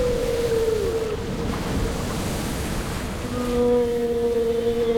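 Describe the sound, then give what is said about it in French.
A stormy, raging sea roars steadily and loudly throughout as a boat approaches the coast, with long drawn-out tonal moans cutting through the surf near the start and again in the last couple of seconds. “Mais plus la baleine poussait, plus notre bateau s'approchait des côtes et plus la mer, gonflée de rage, rugissait, luttait.”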